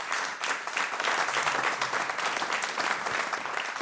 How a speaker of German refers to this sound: Und die Komponistin ist auch anwesend. Der Applaus auch für Magdalena Albrecht.